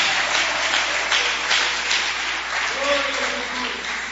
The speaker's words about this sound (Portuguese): Só quem crê, levanta a mão aí e glorifica o nome dele com palma nesta noite.